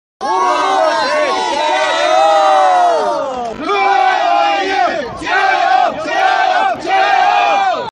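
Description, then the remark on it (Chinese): A huge stadium crowd of football fans of various ethnic groups roars and chants in unison at the Urumqi Olympic Sports Center, a 30,000-seat stadium, before the opening ceremony. The shouting is loud and continuous, with the collective shout swelling, dipping, then surging again in several rhythmic bursts. “那么随着开赛时间的临近啊，现场的氛围也是越来越热烈，各族球迷的呐喊声、欢呼声交织在一起，凝聚成了最动人的绿茵乐章。”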